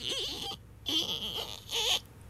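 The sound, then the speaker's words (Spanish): A voice imitates a creaking refrigerator with three strained, squeaky vocal bursts, each a wavering high-pitched whine with gliding pitch, separated by short pauses. “Así se oía el refri.”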